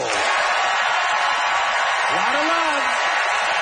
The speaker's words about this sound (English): That is it. It is time for our audience to vote by applause.